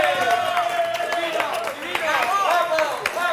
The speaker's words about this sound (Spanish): ¡Un aplauso!